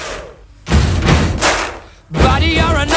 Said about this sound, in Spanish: golpeando el suelo, unas tablas en una iglesia que había por ahí, golpeando con el suelo, con eso hacen el bombo y tocando las palmas. Luego le metieron 1000 efectos de sonido y consiguieron este sonido icónico, digamos, este ritmo icónico.